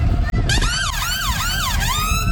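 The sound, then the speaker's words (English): A fire engine siren wails, rising and falling in quick, steady sweeps over a low engine rumble, loud and continuous with no talking. “What noise does a fire engine make? Nino, Nino.”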